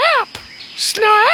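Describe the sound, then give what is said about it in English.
A person's voice imitates a comic bird call, two loud, close, squawky cries with sliding pitch, each sounding like a short shouted word, separated by a brief pause. “This is the call of the Australian rubber bird.”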